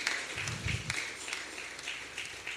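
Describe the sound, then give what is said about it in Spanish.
A crowd claps together in a steady, dense patter of many hands, fairly soft, with no voices rising above it, as an audience gives an offering of applause to the Lord at a gathering exalting Jesus Christ. “Así es de que regalémosles una ofrenda de palmas a nuestro Señor.”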